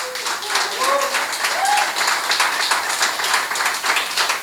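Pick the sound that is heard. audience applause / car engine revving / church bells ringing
audience applause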